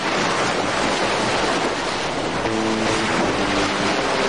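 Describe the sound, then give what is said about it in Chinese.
Ocean waves and surf roar steadily and loudly, a dense wash of water mixed with wind buffeting, and a faint engine-like hum joining partway through. “大海无边无际，变幻莫测，人们迎风踏浪，以鱼为生。”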